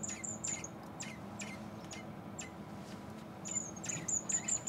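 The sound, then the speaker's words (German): Young wild birds at a bird clinic call with thin, high-pitched chirps in quick repeated bursts, fading in and out against a steady low background murmur. No one speaks. “Die meisten Patienten in der Klinik für Vögel, Reptilien, Amphibien und Fische sind Schwalben und Mauersegler.”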